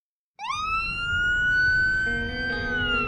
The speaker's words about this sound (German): Wenn die gelben und weißen Transporter mit rotem Davidstern-Logo losfahren, mit heulenden Sirenen und blinkenden Lichtern, sind die Retter der israelischen Rotkreuzgesellschaft Magen David Adom im Einsatz.